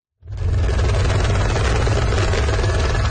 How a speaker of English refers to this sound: A rescue chopper hovers over washed-out areas in the country's northern Rasuwa district.